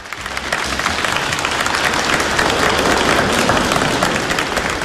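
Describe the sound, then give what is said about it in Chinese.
An audience applauds a xiangsheng (Chinese comic crosstalk) performance, the dense clapping loud and continuous for several seconds without letting up. No one speaks over it. “感谢您各位的掌声， 谢谢大家。”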